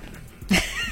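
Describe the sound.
A man imitating a dog lets out a single loud, dog-like bark with his voice at a girl, a short sharp burst midway through, trailing off into a rough, wavering tone.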